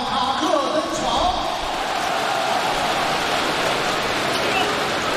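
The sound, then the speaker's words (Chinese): A large crowd at a basketball game claps and cheers for player Barry Brown in a steady, dense roar of applause that holds at an even loudness for several seconds, with faint voices mixed into the noise. “好的，掌声送给巴里布朗，欢迎59号。”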